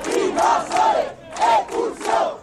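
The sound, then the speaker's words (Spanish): A crowd chants protest slogans in unison, loud rhythmic shouted bursts rising and falling about every half second, with no single voice standing out. “Con más proclamas que iban saliendo en cualquier momento.”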